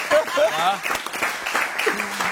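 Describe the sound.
Audience applause fills the whole stretch: a dense, steady patter of many hands clapping, with a few voices calling out and cheering over it.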